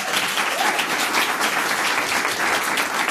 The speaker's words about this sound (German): Ein Applaus für Finne, bitte!